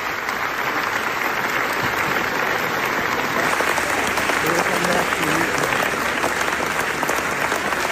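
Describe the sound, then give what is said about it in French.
Sustained, dense applause from a large crowd at the Venice Film Festival (Mostra de Venise) after the screening of the documentary NASA, part of nearly 25 minutes of applause; a steady unbroken roar of clapping at even loudness, with faint scattered voices mixed in. “Nous avons écouté là quelques secondes des près de 25 minutes d'applaudissements à la Mostra de Venise.”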